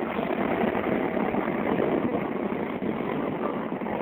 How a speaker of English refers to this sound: Yeah, 33rd Street, Rawson, and there's some stained glass here, and that comes the subway.